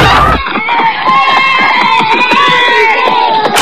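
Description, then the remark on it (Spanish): A party at a neighbour's house: a lively crowd cheers continuously while children shout and scream over it, a loud, dense wash of excited high-pitched voices with no pauses. “Mamá, en la casa del vecino hay una fiesta, ¿puedo ir?”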